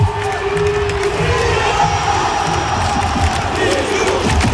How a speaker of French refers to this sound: Ça, c'était l'accueil du Stade de France. Zinedine Zidane, juste avant le coup d'envoi hier soir. L'équipe de France qui a fait match nul un partout contre l'Italie.